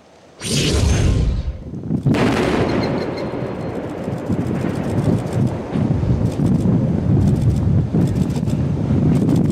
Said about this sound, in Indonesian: Sebuah ledakan besar mengguncang kota Al-Mansuri di wilayah Lebanon Selatan